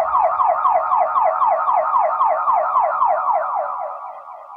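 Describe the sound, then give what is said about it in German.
An ambulance siren wails in a rapid, repeating yelp pattern, loud at first, then gradually fading slightly as it continues steadily throughout with no voices. “Die Anfälle setzten sich im Krankenwagen fort.”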